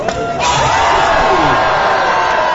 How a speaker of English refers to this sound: Floppers take a running start and extend themselves horizontally over the water, hoping to hit with the maximum body surface, eliciting the loudest of flesh-on-water smacks.